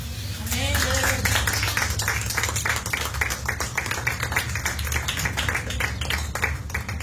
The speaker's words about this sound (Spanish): Denle una ofrenda de palmas al Señor, iglesia.